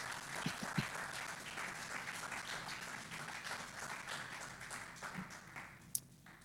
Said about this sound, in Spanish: Le puedo dar un aplauso al Señor para que no haya tanto silencio.